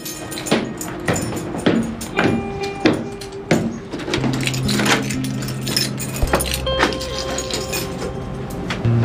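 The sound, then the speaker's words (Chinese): Keys jangle and scrape in a stiff old door lock, with a run of metallic clicks and rattles, some ringing faintly, as someone fumbles repeatedly to turn it. No one speaks. “这锁可能老化了吧，我回头给您换一把。”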